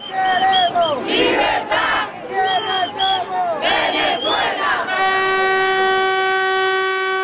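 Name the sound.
street protest crowd chanting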